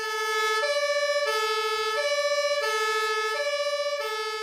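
Loud two-tone sirens of fire engines, four emergency vehicles including a turntable ladder truck, slowly driving off to a small fire, alternate steadily between high and low pitches about every three quarters of a second, continuous with no talking.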